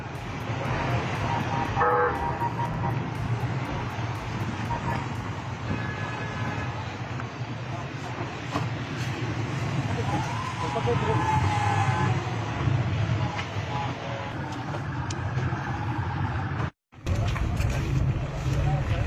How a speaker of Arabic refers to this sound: وهذه مشاهد الموكب الذي أثار الجدل، إذ رصد مواطنون سيارات وزير الإدارة المحلية والبيئة محمد عنجراني خلال جولته في درعا.